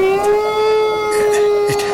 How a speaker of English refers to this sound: It's a wolf. Not just one, Grandfather. No. It sounds like there's a whole pack of them on the roof by the chimney hole.